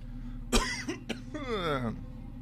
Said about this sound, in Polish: Ciężko się tu oddycha, stąd ten kaszel.